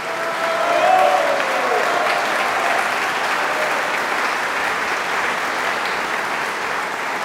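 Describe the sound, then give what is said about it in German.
Sustained applause from a concert audience in the Rittersaal of Schloss Wolfegg for the young Spanish cellist Pablo Ferrandez, calling him back for an encore; a dense, steady wash of clapping that swells in the first second and then holds evenly, with a brief faint whistle or cheer early on. “Das Publikum im prachtvollen Rittersaal im Schloss Wolfegg ist hin und weg und entlässt den jungen spanischen Cellisten nicht ohne eine Zugabe.”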